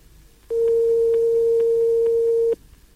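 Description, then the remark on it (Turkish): A steady telephone ringback tone on an outgoing call that is not yet answered, one sustained electronic beep lasting about two seconds over faint line hiss, loud, with no voices. “Telefonumuz çalıyor ama açan yok zannediyorum.”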